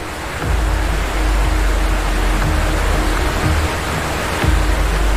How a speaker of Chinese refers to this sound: 但急流瞬间淹没了小河马，翻腾的河水很快将它卷入其中。